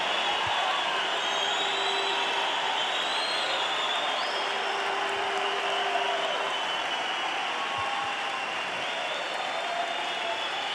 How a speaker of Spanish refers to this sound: Aplauden al rey, aplauden a la palabra de Dios.